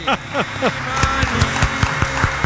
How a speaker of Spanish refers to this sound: Este aplauso, profesor, es gracias a mí, a que no he cantado.